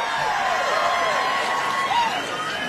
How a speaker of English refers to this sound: Everything's bigger in Texas, including applause. Oh, even the Guam delegates were cheering.